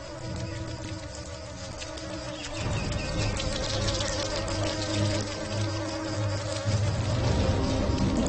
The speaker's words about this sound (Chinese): 不久之后，它们就成了会飞的蚊子。